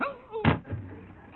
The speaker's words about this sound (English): You knocked out Bennett.